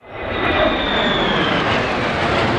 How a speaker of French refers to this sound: en voyant passer les F-16 et F-35 au-dessus de sa tête et celle de ses enfants.